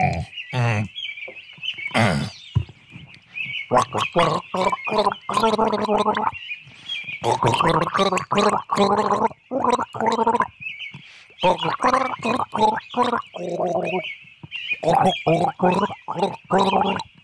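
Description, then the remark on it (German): Someone gargles with water, a throaty, bubbling rattle in repeated loud bursts with short pauses between, the voice humming through the gurgle, over a thin steady high tone. “Moment, da brauche ich Wasser zum Spülen.”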